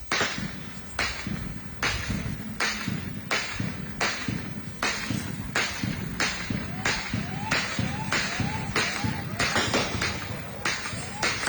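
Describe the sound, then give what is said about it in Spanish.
Gunshots crack out in a steady series, more than a dozen sharp bangs spaced under a second apart, over a constant low rumble and faint background murmur; gunfire during an attack in Guajes de Ayala, Guerrero. “Bueno, esos son algunos de los balazos que se escuchan, pero dentro de, creo que es una bodega o una escuela, hay gente que está pidiendo ayuda.”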